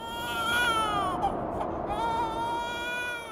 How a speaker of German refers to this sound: Ein Babyschrei hallt durch die Berge der Anden.